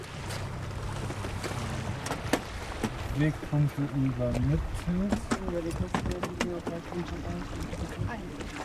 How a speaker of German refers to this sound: Ausgestattet mit zwei elektrischen Motoren erreicht diese Schwimmdrohne eine Spitzengeschwindigkeit von 30 Knoten. Also fast 60 Kilometer pro Stunde.